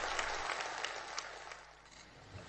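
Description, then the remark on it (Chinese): Warm, sustained applause from villagers gathered in the Liangjiahe village Party branch meeting room on 18 October 2017 for the opening of the Communist Party of China's 19th National Congress, a dense patter of many hands clapping at once, steady throughout and fading slightly toward the end. “北京人民大会堂的掌声不断，梁家河村党支部会议室同样回响着热烈的掌声。”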